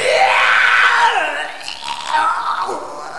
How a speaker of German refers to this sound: Und ich kotze jetzt erstmal ins Tripperhaus. Das könnt ihr ruhig alle hören.